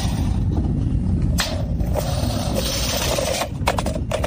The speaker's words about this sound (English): Is that a tape measure rolling back up? Yeah, it is. It is.